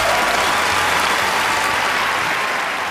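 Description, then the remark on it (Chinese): Steady, dense applause from a large audience for a young host on the stage of a Chinese family poetry contest TV show, loud and sustained throughout with no pauses, a continuous wash of many hands clapping together. “掌声送给”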